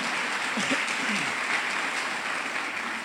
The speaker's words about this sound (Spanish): ¿Cuánto le damos ese fuerte? Pero déselo fuerte al aplauso a nuestro Rey Celestial, amén.